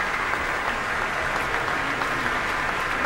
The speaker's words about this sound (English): He's back on stage now for a solo bow, and a heartfelt bow, receiving the applause here from this audience at the Pritzker Pavilion.